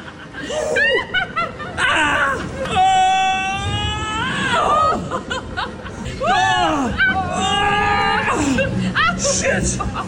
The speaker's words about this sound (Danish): det ikke kun …, der laver lyde af begejstring i en simulator. En rutsjebanesimulator.